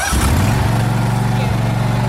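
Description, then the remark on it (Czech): A Vary RL102H garden tractor engine, started by turning the key with the throttle lever pushed fully forward and the brake pedal pressed, turns over and catches, then settles into a loud, steady, low chugging idle for the rest of the moment. “A otočíte klíčkem tak jako u auta.”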